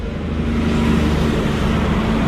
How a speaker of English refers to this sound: And as you can hear, there's traffic streaming up and down State Highway 1 that intersects the town. And I'm going to have to stop for a logging truck that's coming past. Hold on.